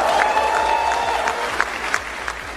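A crowd of Cuban opposition members applauds steadily, many hands clapping in a dense, loud burst, with a few sharper claps standing out and a faint high whistle-like tone early on, reacting to U.S. Attorney General Todd Blanche announcing an indictment of Raúl Castro.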